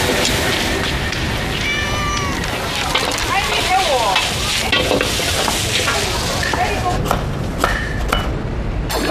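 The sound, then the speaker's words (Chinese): Loud, continuous sizzling from a hot wok being stir-fried at a restaurant, with scraping and clanking of a metal spatula and a few squeaky tones, faint voices mixed into the kitchen noise. “炒菜点锅的一个锅气是越来越旺了。”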